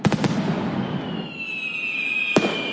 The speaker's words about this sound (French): Des feux d'artifice, Florent, de toutes les couleurs. Ouais, le bleu, c'est du cuivre dans l'air et peut-être dans vos poumons. Pour le rouge, c'est du lithium.